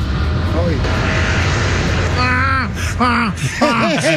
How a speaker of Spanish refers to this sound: Y escucha el avión.